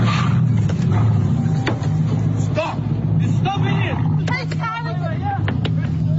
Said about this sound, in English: showed bystanders trying to stop a Mercedes-Benz from leaving, but it continued reversing through the car park despite having a man pushing against the boot and a woman banging on the driver's side window.